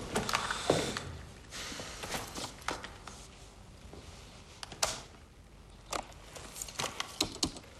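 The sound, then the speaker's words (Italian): Mechanical clicks and clunks of a tape player engaging to play back a recorded tape of a phone call, a series of sharp transients over a steady low whirring hum, with no voices. “Senti il nastro, poi ne parliamo.”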